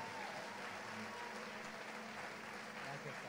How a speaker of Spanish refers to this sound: quiero que reciba con fuerte aplauso al pastor